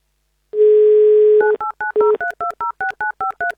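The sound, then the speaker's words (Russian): A steady dial tone hums for about a second, then a quick run of about a dozen short, evenly spaced touch-tone beeps at shifting pitches as a radio host dials a contest participant's phone number live on air on Avtoradio. No one speaks. “Итак, звоним участнику.”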